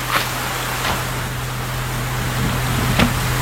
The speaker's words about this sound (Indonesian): Aduh, tiba-tiba hujan.